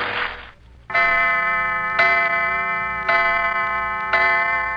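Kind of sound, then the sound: household object, clock ticking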